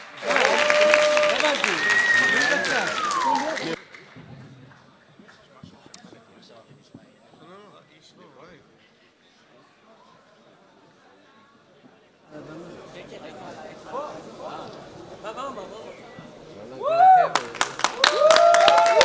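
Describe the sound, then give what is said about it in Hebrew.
An audience at the live-broadcast final of the show HaMalchinim 4 bursts into loud applause for the performers, which dies down to a low crowd murmur and chatter, then swells again into clapping near the end, with a few sharp whistles over it. “תנו כפיים בבקשה, רמות.”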